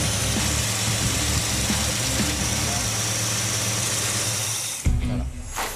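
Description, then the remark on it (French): A car engine idles steadily after a repair of a loose valve, with a smooth, even hum and faint mechanical ticking, staying fairly quiet throughout; near the end the tone shifts briefly as if something is handled. “Et là, on se retrouve avec un moteur qui est pas bruyant.”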